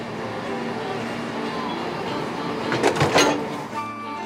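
A steady, humming rumble of idling train engines at Machantlith station, broken near the end by a short cluster of loud metallic clanks and hissing bursts as trains from the north are coupled to trains from the south before leaving together for Shrewsbury.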